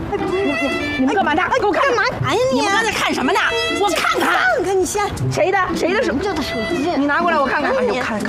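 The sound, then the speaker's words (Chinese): A dog barks and yips repeatedly in quick, uneven bursts, fairly loud, mixed with lively overlapping chatter throughout. “哎，你看，你看，你看，这狗。”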